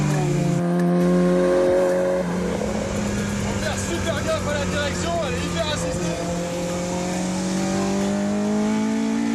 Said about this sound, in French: On est dans une mini classique avec plus de 250 chevaux à l'arrière, un moteur Honda qui prend des tours de malade